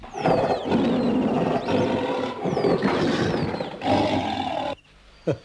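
A lion roars in several long, rumbling bursts, deep and loud, with brief pauses between them before the sound cuts off near the end.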